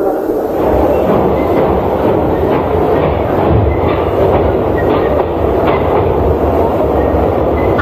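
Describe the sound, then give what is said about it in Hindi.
A train pulled by an engine with coaches behind departs after a green flag is shown, its wheels keeping up a steady, loud clickety-clack rumble over the rails throughout, with no voices. “अरे हाँ, रेलगाड़ी तो चल रही।”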